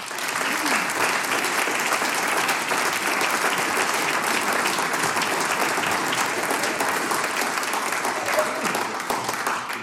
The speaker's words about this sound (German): Danke fürs Dabeisein. Ein Applaus für euch.